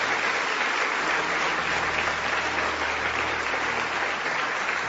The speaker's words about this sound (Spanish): Eso merece que alguien dé un aplauso al Señor. Amén.